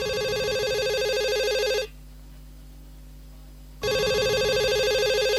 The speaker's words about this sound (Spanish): Teléfono celular. El novio llama a la novia.